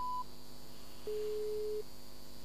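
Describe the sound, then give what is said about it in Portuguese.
A telephone line tone after the other party hung up the call: a short high beep, then a steady, flat lower tone lasting under a second, with faint line hiss and no voices. “Porquê é que desligaste o telefone ou caiu a chamada?”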